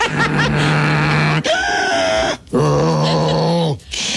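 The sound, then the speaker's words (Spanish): A voice imitates loud snoring with three long, rasping, droning bursts separated by brief breaths, forceful, with no talking. “Así chiquito, no ronquidot, sí, de tren y embajada, no, pero...”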